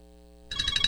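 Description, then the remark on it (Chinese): After a quiet hum, a bright electronic phone ringtone suddenly kicks in, pulsing in quick, even beats, fairly loud, with no one speaking; a phone ringing with an incoming long-distance video call from a daughter. “咦，老婆，个女用视像打长途电话翻嚟。”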